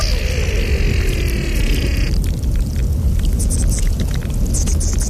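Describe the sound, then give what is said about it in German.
Meltwater at the Morteratsch Glacier rushes in a steady, low, roaring rumble; eerie high whistling tones ring over it for the first two seconds, then give way to fizzy crackles and ticks. “Das sind die Aufnahmen vom Morteratsch-Gletscher”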